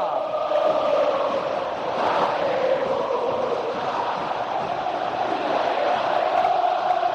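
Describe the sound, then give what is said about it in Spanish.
A huge football crowd at La Bombonera in Buenos Aires roars steadily as the match gets under way, a loud, dense wall of voices with a sustained chanting hum running through it and no break or lull. “Es una leonera la cancha. Es un hervidero.”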